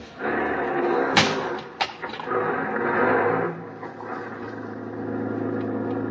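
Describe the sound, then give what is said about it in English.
A taxi door slams shut twice in quick succession over a steady engine rumble, then the engine revs and settles into a low hum as the taxi pulls away at night. “Outside, I hailed a taxi. This time, I was lucky. I got one. Hop in, mister.”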